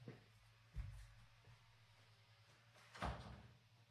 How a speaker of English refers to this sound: I forget to shut the door. Hold on.